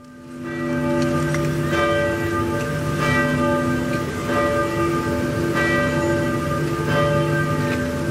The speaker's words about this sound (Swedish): kyrkklockorna har ringt på flera håll i Norge för att hedra den avlidne kung Harald